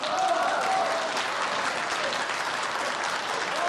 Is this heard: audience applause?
yes